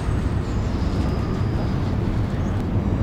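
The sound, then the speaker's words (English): A train rumbles past with a heavy, continuous low roar, while a thin, faint metallic squeal rides steadily above it; trains passing Crossbones Graveyard, which lies between Southwark and London Bridge station in London. “The graveyard bisects the Southwark and London Bridge station, and every several minutes I can hear the screech of the trains going past.”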